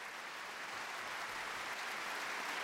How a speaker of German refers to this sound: Beifall auch für die Wiener Philharmoniker unter Leitung von Christian Thielemann. Wir hören den Live-Mitschnitt des ausverkauften Matinee-Konzerts vom letzten Sonntag im großen Festspielhaus in Salzburg.